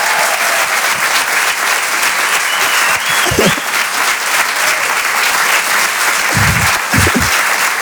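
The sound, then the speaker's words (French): Sustained, loud audience applause for a comedian at the Rire et Chanson Comedy Club fills the whole clip, a dense steady roar of many hands clapping, with a few brief murmurs of voices surfacing within it. “On peut l'applaudir très très très très fort.”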